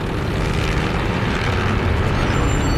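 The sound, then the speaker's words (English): A low-flying propeller aircraft drones overhead, flying low over a battlefield to watch the battle's progress, its engine a loud, steady roar with dense rumbling texture throughout, no voices present. “Aircraft fly low over the ground, getting a close look at the battle's progress.”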